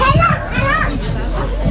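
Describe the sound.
A kindergarten group of young children chatter and call out over one another aboard a Varde city bus in Denmark on a Friday morning, high voices overlapping in a steady, lively babble with a constant low engine rumble underneath.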